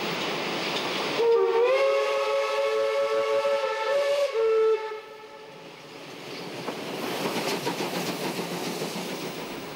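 A loud steam locomotive whistle blows for about four seconds, then gives way to the rumbling, rhythmic chuff and clatter of two steam locomotives, 52-80-21 and 41-360, leaving Cologne Hauptbahnhof together in a double departure, with no voices.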